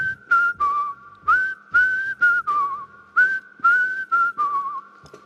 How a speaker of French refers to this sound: Donc on va voir si tu sais siffler maintenant